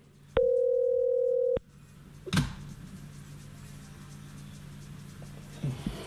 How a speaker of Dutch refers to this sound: En ik heb een telefoontje, hallo. Ring, ring, momentje.